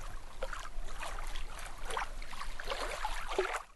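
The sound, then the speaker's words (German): Water from a fountain's water axis (Wasserachse), fed with drinking water, splashes and patters steadily into a large basin at its lower end, a continuous bubbling, gurgling wash with brighter bursts of spray rising and falling throughout, no voices. “Am unteren Ende der Wasserachse plätschert das Wasser in ein großes Becken.”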